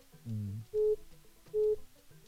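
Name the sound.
phone call ringing tone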